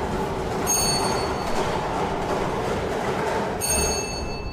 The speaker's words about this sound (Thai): ขณะนี้พนักงานออกเลขรางวัลกำลังทำการหมุนอุปกรณ์วงกลมเป็นครั้งที่1เพื่อเฮ็ดให้หน่วยบ้านทั้ง6หน่วยบ้านได้สลับกันไปมา